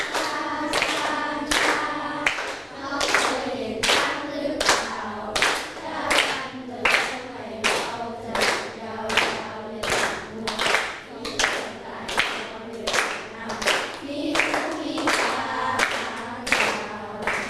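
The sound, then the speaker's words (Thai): Steady hand claps keep an even beat, about one every half second, while voices sing the Thai children's song 'Chang' (Elephant) along with them during a music lesson on rhythm. The claps are crisp and stay loud throughout. “อยากฟังเพลงช้างร้องให้ฟังหน่อยได้ไหมคะได้ไหมคะปลายทางด้วยนะคะพร้อมกับปรบมือตามจังหวะเพลงพร้อมนะคะ”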